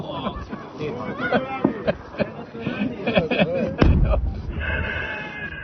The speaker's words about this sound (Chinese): 地下设施的视频，可听到远处爆破地传来剧烈爆炸声。